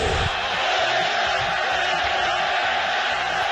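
A huge crowd at El Molinón stadium roars in protest during a World Cup match, reacting to a second half with only two shots, a dense, unbroken wall of shouting voices that stays loud and steady for several seconds without any pause.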